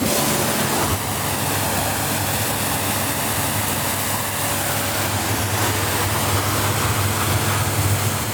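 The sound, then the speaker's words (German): At the Wolf boatyard in Walenstadt, Switzerland, a motorboat is sprayed down with a powerful jet of water: a loud, steady hiss with a low pump drone underneath, continuous throughout, no voices. “Chef und Inhaber von der Bootswerft Wolf zu Wallenstadt und spritzt gerade das nächste Motorboot ab.”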